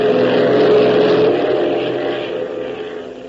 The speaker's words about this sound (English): As though in answer to Tank's pessimistic outlook, Hop opens the throttle to the last notch, sending the Beech roaring ahead at top speed.